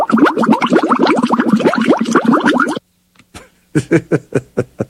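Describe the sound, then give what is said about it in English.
Fast, continuous bubbling and gurgling of water from a fish tank aerator, with rapid rising plops, then a brief pause followed by a few slower, separate bubble bursts. “it's the aerator thing that, yeah, yep. He was doing a lot of bubbling.”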